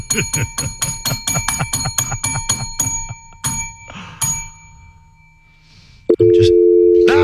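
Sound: telephone dial tone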